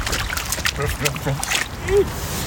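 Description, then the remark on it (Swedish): A small boy in blue rubber boots, on a walk in Umeå, Sweden, stomps and splashes through a puddle, several wet slaps and sloshes in an uneven rhythm, with a voice chattering alongside the watery steps. “På väg ner i en vattenpöl.”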